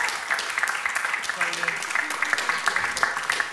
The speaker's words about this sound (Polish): Państwo nie przestają klaskać, tak, entuzjazm.